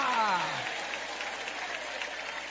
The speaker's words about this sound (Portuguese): Quem crê que Deus existe, levante a mão e aplaude o nome dEle.